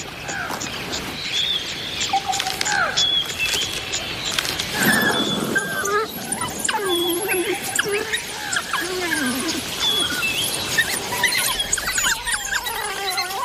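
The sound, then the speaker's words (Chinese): African wild dog pups, just let out of the den by their pack's female leader Phoenix, yip and whimper in a busy, overlapping chorus of high, squealing twitters, continuous, with brief bursts of louder yelping scattered throughout. “菲尼克斯让幼崽出巢的时机很合适，因为这里雨水充足，非洲野犬群可以捕食很多猎物。”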